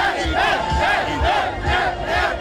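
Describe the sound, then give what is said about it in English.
A huge crowd of about 55,000 people packed into Zocalo Square in Mexico City, celebrating at a World Cup fan event, roars and chants together in a dense, continuous wall of voices. It swells in rhythmic surges about every half second and stays loud throughout, with no individual speech standing out. “55,000 people jam-packed into Mexico City's iconic Zocalo Square, the largest public square in all of Latin America, transformed into a sea of color, noise, and celebration.”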